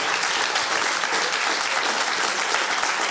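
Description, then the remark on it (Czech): Steady, dense applause from an audience at the Ypsilonka theatre, welcoming the first guest of the season, fills the whole stretch, many hands clapping at once in a sustained wash of sound with no voices standing out. “Stačí. Jen ať tleskají, zasloužíte si to.”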